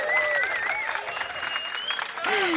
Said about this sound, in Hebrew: תעשו לעצמכם כפיים, הלו, חבר'ה.